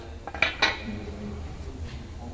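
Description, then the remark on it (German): Two quick, sharp hammer blows stamp the letter U into a small drilled metal shopping-trolley token, each with a bright metallic ring, the second slightly louder, followed by a low steady background hum. “Dann macht man mit einem starken Schlag.”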